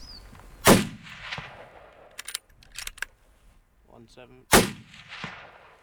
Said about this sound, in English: Would the gunshot now spook that other herd?